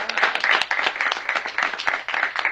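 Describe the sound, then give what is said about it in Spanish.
An audience bursts into steady applause for the firm Más Cambio after it hands out a prize in a draw, a dense patter of many hands clapping at once, loud and sustained for a couple of seconds with a few sharper individual claps standing out. “Un aplauso para Más Cambio.”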